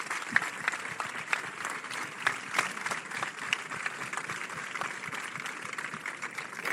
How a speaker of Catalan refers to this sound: Un aplaudiment per totes elles.